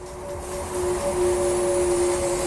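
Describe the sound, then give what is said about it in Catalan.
The electric motors of a Ferrari Luce electric sports car, one motor per wheel with over 1,000 horsepower, give a steady, faint tonal whine over a broad wash of road and wind noise, swelling slightly as it goes, with no voices. “Així sona un Ferrari normal i així sona el nou elèctric.”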